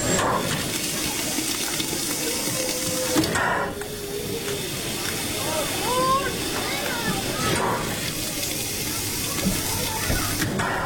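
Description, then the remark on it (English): A restored, coal-fired steam locomotive, engine number 4, idles at the station of a scenic railroad on Cheat Mountain, its steam hissing in a steady, continuous roar that briefly dips and swells, with faint voices murmuring in the background. “The steam-driven locomotive with coal burning in the firebox idles at the station, chuffing out gray smoke.”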